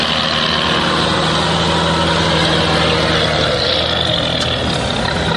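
The engine of a British Stormer anti-aircraft missile vehicle, used to hunt enemy drones, idles in a loud, steady rumble with a low droning hum and a constant hiss, unchanging throughout, with no voices.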